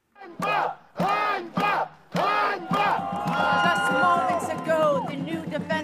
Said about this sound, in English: Protesters here are shouting the word Einbar, which means shame. A lot of upset here after President Zelensky's decision last month to oust the very popular former defense minister, Mykhailo Fedorov.